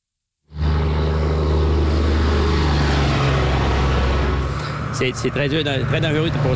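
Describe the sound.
Loud, steady roar of traffic rushing by up close, with a deep engine rumble and broad road noise. Near the end a voice starts talking over the passing vehicles.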